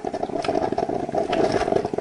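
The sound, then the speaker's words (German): A coffee machine gurgles and sputters steadily, with a continuous bubbling, rattly hum and brief hissing bursts over two seconds, fairly loud and with no voices. “Ja, das Gluckern der Kaffeemaschine.”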